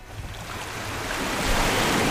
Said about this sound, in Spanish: Escuches este rumor que nunca se apaga, ese latido azul que sostiene la vida. Es el mar.